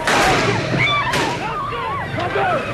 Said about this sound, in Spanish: Ese era el momento del tiroteo en la misma plaza de San Pedro mientras saludaba a los fieles.